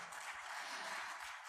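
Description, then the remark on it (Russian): An audience applauds the musicians of the ensemble, including its string players, producing a steady, dense wash of clapping that holds an even loudness throughout with no pauses or voices. “Аплодисменты звучат для вас, для замечательных музыкантов.”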